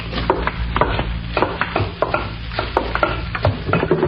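A long spoon stirs soup in a pot, scraping and knocking against the sides in quick, steady strokes about twice a second over a low, constant hum.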